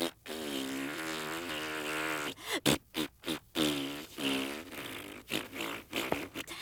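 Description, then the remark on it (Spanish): A voice blows a long, buzzy raspberry in imitation of a boo, then follows with several shorter, sputtering raspberries in uneven bursts, all fairly loud and with no talking. “Quiero que tú hagas un abucheo.”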